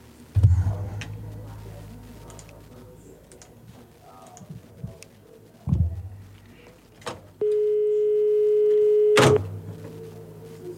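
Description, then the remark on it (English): A telephone rings with a single steady electronic tone lasting about two seconds, fairly loud, following a few soft thumps and clicks. “Sorry, phone was ringing.”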